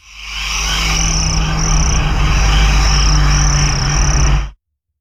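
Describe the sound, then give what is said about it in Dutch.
Crickets chirp steadily in a dense, high-pitched chorus, pulsing in regular bursts over a low background rumble, then cut off abruptly after about four and a half seconds. “Ik zijn bij jou ook krekelgeluiden, of niet?”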